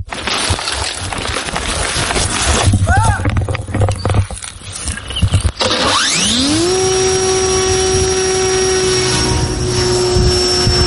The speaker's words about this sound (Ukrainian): На Дніпропетровщині воїни 148-ї артбригади ДШВ готують безпілотник «Флай-Ай» до завдання. Перед польотом перевіряють двигун, зв'язок, камеру і парашут.